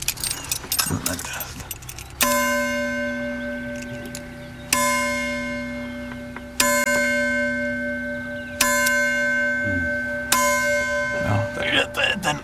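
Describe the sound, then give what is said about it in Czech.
A bell, pulled slightly off what it rests on so that it can ring, is struck five times at a slow, uneven pace. Each strike rings out loud with a long, humming sustain, and faint handling noises sound in between. “Tenhle ten zvon pravděpodobně, takhle já si tady mám tomu klíče. Tak asi z toho, no, bych, já ho musím trochu otáhnout, protože on, jak leží na tom, tak nezní.”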